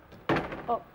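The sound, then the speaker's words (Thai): A door is pushed open abruptly with a sudden woody thud, with no knock beforehand, followed by a short burst of voice. “ลืมไปลืมไปขอโทษนะลืมเคาะประตู”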